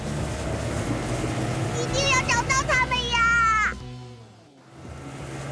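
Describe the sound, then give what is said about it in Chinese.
A super speedboat's engine starts off as the boat sets out: a steady low rumble with a burst of wavering, revving whine tones that sweep upward, then a brief dip before the rumble returns. “小蝶出马最有办法，看我的超级快艇！哎，出动！”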